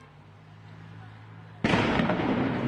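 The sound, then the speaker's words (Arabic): A low background hum gives way to a sudden, loud blast from stun grenades and tear gas canisters fired by Israeli soldiers from inside the camp grounds toward Palestinians outside, at the entrance of Qalandia camp. Its harsh burst of noise rings on for about a second. “هذه قنابل الصوت والغاز التي يواصل جنود الاحتلال الإسرائيلي من داخل ساحات المخيم بإطلاقها من داخل الساحات اتجاه الفلسطينيين في الخارج الذين لا زالوا يتكدسون بالآلاف بسبب إغلاق كل الطرق، وأيضا من أمام مدخل مخيم قلنديا”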